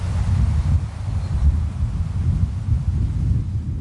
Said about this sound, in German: In der Ferne rauscht das Meer, ein paar Vögel sind zu hören und sonst nichts. Besonders schön ist es hier in der Nebensaison, wenn nur das Meer rauscht und der Wind durch die Gräser streicht.